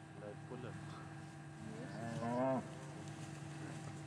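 cows mooing on pasture

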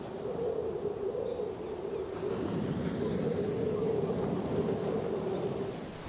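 storm wind and waves

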